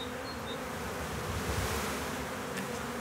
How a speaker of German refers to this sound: Die Bienenvölker teilen sich, schwärmen.